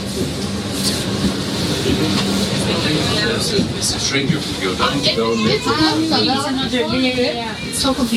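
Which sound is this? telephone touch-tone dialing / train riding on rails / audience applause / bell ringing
train riding on rails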